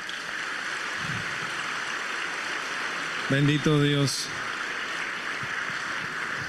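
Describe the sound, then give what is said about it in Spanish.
Steady, dense audience applause for a priest at a Metanoia gathering runs unbroken from start to finish, a hissing wash of many clapping hands, while a single voice briefly speaks over it midway. “Démosle un fuerte aplauso a nuestro Padre.”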